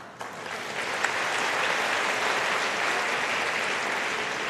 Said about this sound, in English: I know you will be clapping only for this.